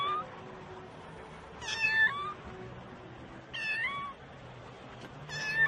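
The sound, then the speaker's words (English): A small cat meows three times, short high-pitched cries spaced a couple of seconds apart, the last one cut off at the end, over a steady low background hum. “Hier ist eine Katze.”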